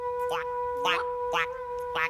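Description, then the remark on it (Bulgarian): A frog croaks four times in short, raspy bursts at a steady pace, fairly loud, over a faint constant background hum. “Я? Жабка!”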